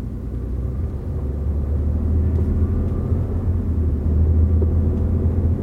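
A helicopter's engine and rotors drone in a steady, heavy low rumble that holds loud throughout, swelling slightly near the end, with no voices.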